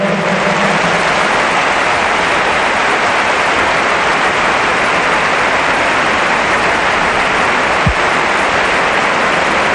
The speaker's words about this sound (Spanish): La grada parece un ataque de alergia. Están todos con pañuelos y con lágrimas. Los planos que se enseñan en la tele. Ovación